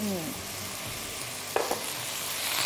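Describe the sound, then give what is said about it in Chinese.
Steady, broad sizzling of chicken stir-frying in a hot wok just after a little caramelized sugar coloring is added, with a couple of sharp scraping clacks of a spatula midway and the hiss swelling slightly toward the end. No voices. “它确实只下了一点哈，但是下锅之后完全炒开，这个颜色上的是又亮又匀的。”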